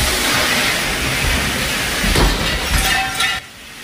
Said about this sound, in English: A Texas woman was watching a tutorial video attempting a pole fitness maneuver. The top slipped off the ceiling, hit a fire sprinkler, and flooded the room.